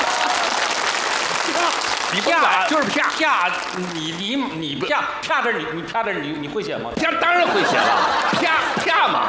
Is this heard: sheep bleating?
no